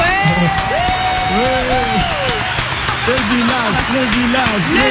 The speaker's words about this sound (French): Donc, et comme on adore les premières fois, et là on envoie les applaudissements.